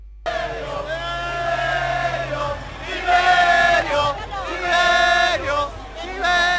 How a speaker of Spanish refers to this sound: Y a continuación llegó el turno del que más gritos y ovaciones se llevó.